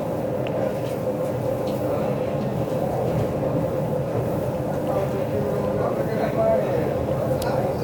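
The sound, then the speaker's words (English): A steady, heavy rumble and rattle from inside the club car, the last car of a moving passenger train in eastern Pennsylvania at about 6 a.m., with constant low droning and faint clacks throughout, and muffled voices mixed into the background. “I'm in the club car. That's the last one of this particular train.”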